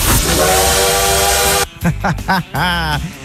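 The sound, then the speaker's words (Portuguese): A loud train whistle sound effect, played on the radio station Rádio Paz FM, blows a steady, sustained tone over hissing rail noise for about a second and a half, then a voice speaks briefly. “Quero dar um recadinho aqui pra você, porque o Trem Bala já tá aqui, ó.”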